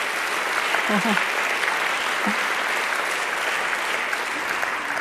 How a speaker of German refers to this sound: Ja, Beifall wert.